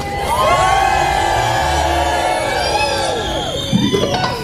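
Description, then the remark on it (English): A crowd erupts in loud, sustained screaming and cheering, many high voices overlapping with whoops for several seconds before a brief burst of clapping near the end. “Can someone please scream?”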